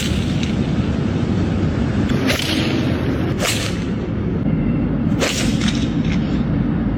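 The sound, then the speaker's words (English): Sharp, cracking golf ball strikes as two men hit golf balls into traffic and buildings in downtown Los Angeles, about three of them spaced a second or two apart, cutting through a steady roar of passing traffic. No one speaks. “Here they are, smacking the golf balls.”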